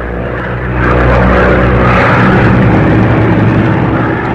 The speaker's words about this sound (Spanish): Había transcurrido mucho tiempo y la pequeña avioneta aún se mantenía en vuelo, azotada por la tormenta.